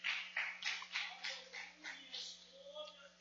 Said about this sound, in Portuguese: Podeis se assentar e louvar a Deus com as palmas bem alegre para Jesus.